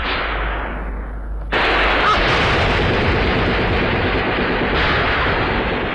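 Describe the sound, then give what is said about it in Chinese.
Loud, dense gunfire erupts suddenly after a low rumbling lead-in, sustaining as a continuous barrage of shots and bursts, the gunfire serving with butter-oil torches as a signal for an attack at a mountain pass, with no speech heard. “酥油火把和枪声为号”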